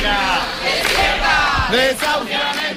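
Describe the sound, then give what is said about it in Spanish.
A crowd of many voices shouting and chanting together at the eviction of an 87-year-old woman in Madrid, loud and overlapping, with raised cries rising and falling in waves throughout. “Hoy el sonido de la vida este que cuenta la cadena SER era el de un desahucio en Madrid a una mujer de 87 años,”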